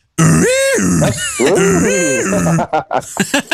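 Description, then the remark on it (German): The horn of a 1927 Ford A blares a raspy, buzzing klaxon honk a few times, its pitch swooping up and down, loud and alone, before a brief burst of speech. “Mach nochmal die Hupe.”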